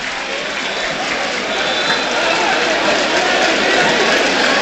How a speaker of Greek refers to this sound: Χειροκρότημα πάντως από τον κόσμο.